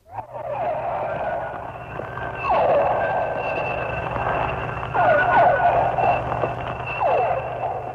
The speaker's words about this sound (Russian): Это дельфины. Крупные дельфины. Гринды. Это охотится, вероятно, гринда и издает звуки такие локационные, с помощью которых она ищет добычу.